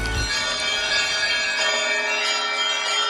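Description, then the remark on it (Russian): Church bells ring out steadily from the four-tiered cathedral bell tower of a Kremlin, their bright overlapping tones humming and sustaining with a low thud at the start, fairly loud with no one speaking. “Жемчужиной Кремля по праву остается 4-ярусная соборная колокольня.”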